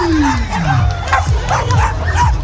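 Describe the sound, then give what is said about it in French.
Several dogs bark and yip repeatedly at a dog obstacle race on the Promenade des Anglais in Nice, with about 500 people taking part with their dogs; their overlapping barks are fairly loud amid a murmuring crowd. “Ils étaient environ 500 personnes à participer à cette course d'obstacles sur la promenade des Anglais avec leurs chiens.”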